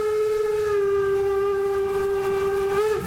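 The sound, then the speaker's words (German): A steam locomotive's whistle gives one long, steady, loud blast at a constant mid pitch for the whole stretch, over a low rumbling noise and with no voices, heard from the platform of the first carriage, one meter behind locomotive 99 7234, amid hot steam. “Das ist ja Dampf, heißer Dampf hier alles.”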